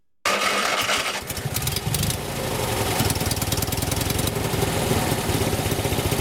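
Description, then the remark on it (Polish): A small Fiat car engine cranks and catches after a brief silence, then settles into a loud, steady, rattling idle with a fast regular chugging pulse, with no voices. “Odpalił to najważniejsze, ale czy pojedzie?”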